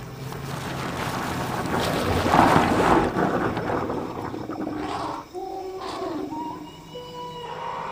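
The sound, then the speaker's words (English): Elephants in a clearing spray high-pressure water jets from their trunks to mine salts lying deep under the mud, a loud rush of hissing and splashing that swells in the middle, then eases off, with some faint tonal calls toward the end. “The salts lie deep under the mud, so the elephants have got to mine for them, which they do with high-pressure water jets from their trunks.”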